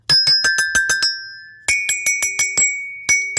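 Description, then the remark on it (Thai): A small metal bell rings in quick, bright rhythmic bursts, about seven strikes, a short pause, then another run of strikes, clear with no talking. “ส่วนคุณกระดิ่งคุณกระดิ่งเขาเป็นโลหะครับเพราะฉะนั้นฝนตกเขาไม่ชอบเดี๋ยวสนิมขึ้นกระดิ่งต้องหลบก่อนเนาะ”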